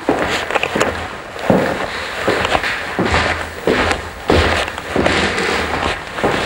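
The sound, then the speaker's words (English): Heavy footsteps climb wide oak stairs in a steady series of resonant, echoing thuds, with no voices, at Wagner's house in Switzerland. “You're listening to footsteps on the wide oak stairs where the musicians assembled at Wagner's house in Switzerland”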